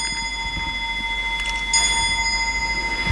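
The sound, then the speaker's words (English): A roughly 200-year-old clock at the Woods Hole Public Library chimes, its bell ringing with long, shimmering tones; a fresh strike lands midway and hangs in the air over a low background rumble, with no one speaking. “Yes, the clock is about 200 years old.”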